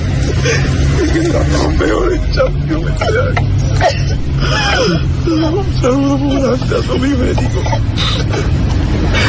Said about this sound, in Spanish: con esas lágrimas y llorando, vamos, y desconsoladamente el chaval.